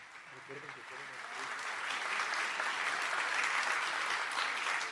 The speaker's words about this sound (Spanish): Agradecemos a todos su participación y presencia en esta develación del billete conmemorativo del sorteo superior número 2891, dedicado a nuestro Pato Merlín. Un fuerte aplauso.